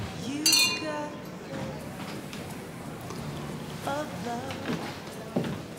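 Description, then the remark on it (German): A bright, ringing clink of glasses touching in a toast, one sharp strike near the start that rings briefly, followed by a room murmur and voices talking. “Gregor, Prost.”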